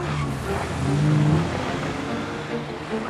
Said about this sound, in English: Wearing an eye patch, Killian watches as Connor has the car make a stuttering getaway.